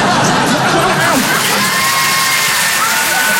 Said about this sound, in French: Je suis content, deuxième enfant. Voilà, n'applaudissez pas sur ça. On est à Paris, je sais, je sais. Non. À Paris, les gens, ils applaudissent plus sur ça.